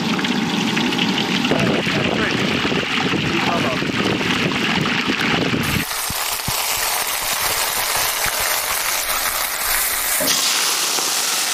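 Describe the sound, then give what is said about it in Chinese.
Chicken coated in a crispy batter of starch, flour and baking soda deep-frying in hot oil for a Chinese dish gives a loud, steady, dense sizzling hiss. Midway it shifts to sharper, sputtering crackles and pops that continue to the end. “油温80热，下锅油炸。”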